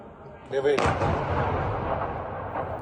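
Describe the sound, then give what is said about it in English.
A Russian missile strike hits a building in Ukraine's capital, erupting in a loud, sharp blast that rolls into a deep, sustained rumbling roar and slowly fades. A brief tonal cry sounds just before the impact. “This was the moment one building was struck.”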